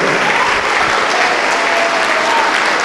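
A large church audience claps steadily and loudly in applause to the Lord Jesus, a dense wash of applause filling the whole stretch without pause, with no voices standing out above it.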